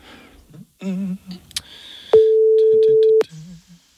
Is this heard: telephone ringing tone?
yes